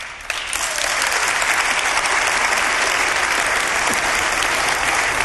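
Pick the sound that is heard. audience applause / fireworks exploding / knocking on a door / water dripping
audience applause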